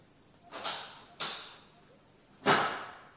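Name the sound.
door opening and closing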